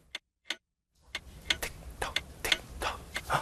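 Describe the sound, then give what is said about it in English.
A clock ticks steadily: sharp, crisp clicks in an even rhythm. Faint background hiss rises partway through, and no one speaks. “That's the ticking of the clock.”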